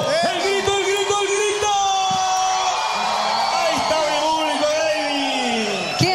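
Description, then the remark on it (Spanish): A loud crowd in Punta Arenas, Magallanes, cheers and applauds without pause, with high whoops and yells rising over the clapping and many voices shouting together throughout. “¿Y siempre lo aplauden de esta manera o no? De esta manera. La gente se quiere mucho y se nota el cariño aquí. ¡Fuerte el aplauso!”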